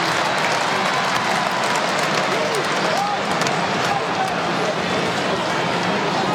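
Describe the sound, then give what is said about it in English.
A large crowd of football fans in a stadium clap along and roar in a dense, steady wash of noise as their team heads for a win, loud and continuous throughout, with indistinct voices blending into the din. “Fans clapping along, safe in the knowledge that they will win.”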